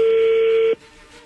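A single steady electronic telephone tone holds at one pitch for about three-quarters of a second as a phone call is being placed, then cuts off abruptly, leaving only faint background hiss.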